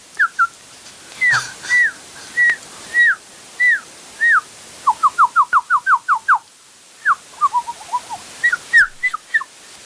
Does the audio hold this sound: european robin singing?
yes